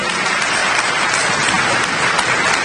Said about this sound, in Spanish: So, un aplauso a todos ustedes, un aplauso.